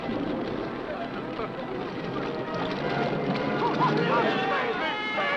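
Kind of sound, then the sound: vehicle, boat moving on water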